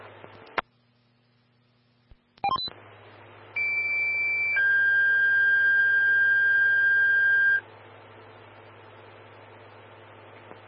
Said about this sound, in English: Stand by for a tone on an alarm.